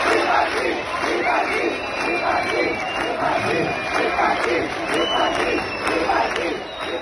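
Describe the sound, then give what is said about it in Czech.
A large crowd at a festival protests the presence of the politician Macinka. It whistles shrilly and chants "vypadni" ("get out") together in rhythmic shouts, a loud, dense roar that holds steady for the whole stretch. “Lidé na jeho přítomnost reagovali pískotem a například skandovali vypadni.”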